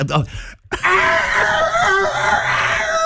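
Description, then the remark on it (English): After a short vocal burst and a pause, a person lets out one loud, long, strained cry imitating a rooster crowing, warbling for over two seconds. “It's just the worst rooster impression ever.”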